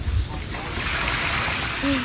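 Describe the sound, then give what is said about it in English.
Floodwater pours out in a steady, rushing gush after a car door opens following a flood, streaming from the seat area, a continuous splashing wash with a low rumble underneath, constant throughout. “I mean, just water pouring out of her, her side seat.”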